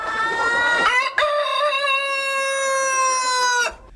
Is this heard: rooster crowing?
yes